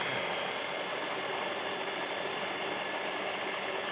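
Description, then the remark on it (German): A blender runs steadily for several seconds, a loud, high-pitched whirring motor whine with a constant hiss and no pauses, mixing a sauce of tuna and anchovies with no talking over it. “So, und jetzt muss ich hier einmal wirklich alles ordentlich mixen.”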